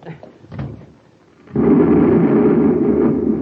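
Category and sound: sound effect, explosion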